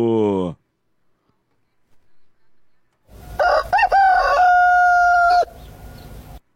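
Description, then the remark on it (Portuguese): A rooster called Galo Chico crows once to mark the time, 6:01 in the morning, loud, a long drawn-out call with a rising start and a sustained wavering note, following a brief burst of a man's voice and a short quiet gap. “Que horas que são agora? Fala para nós aí, Galo Chico, Galo Chico!”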